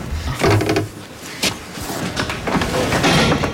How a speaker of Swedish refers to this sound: Först är de lite försiktiga när dörren öppnas.